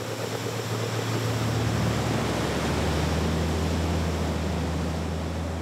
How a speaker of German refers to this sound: Das Meer gibt dir keine zweite Chance. Hier eine halbwegs sanfte Stelle in der Brandung.